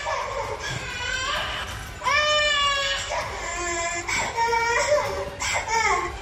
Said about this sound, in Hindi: Video में बच्चा toilet में बंद है, फर्श पर लेटा हुआ है और जोरों से रो रहा है। एक महिला बच्चे के बिलखने का वीडियो बना रही है।